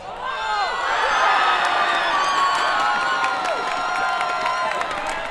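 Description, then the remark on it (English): A crowd of hundreds at a City of Prince George watch party at Canada Games Plaza erupts in sustained cheering and shouting right after the only goal of the World Cup final, Spain beating Argentina 1-0 in extra time. Dense overlapping voices with high whoops and screams, loud and steady for several seconds. “Those are the sounds from Canada Games Plaza in Prince George. And that happened right after the only goal of the World Cup final.”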